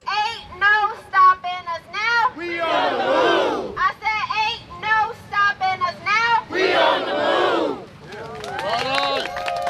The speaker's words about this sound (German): Und hier protestieren vorgestern etwa 30 Anwohner gegen den Wandel, den das Obama Presidential Center